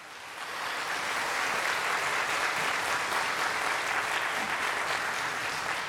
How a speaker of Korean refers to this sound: 네, 오늘 오프닝 무대 열어준 … 여러분들에게 다시 한번 뜨거운 박수 부탁드립니다.